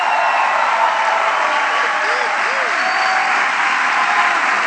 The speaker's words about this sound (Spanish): Levanta la mano. Cuando cuente tres, te va a gritar: soy del reino de Dios. Uno, dos, tres. Aplauda y celebra tu victoria.